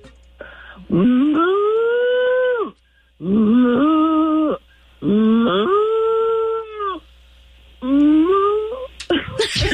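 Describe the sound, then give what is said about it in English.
A person imitates a cow with four long, loud moos, each swooping up in pitch and then holding steady, separated by short pauses. “Right, and it was a very authentic cow right there at the beginning. It was like a cow heartbeat. It was like, moop, moop.”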